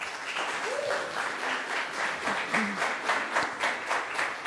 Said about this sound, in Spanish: Así que también un aplauso para todas y todos ustedes.